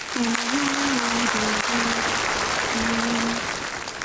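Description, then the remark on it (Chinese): An audience claps steadily for a performer who has tossed a jar into the air and balanced it on their head, a dense, even roar of applause that lasts the whole time, while a low held tone, like a voice humming, sounds over it in several short stretches. “两下，拿起坛子，拍拍，扔起来了， 顶 顶上了，这观众又鼓掌呢。”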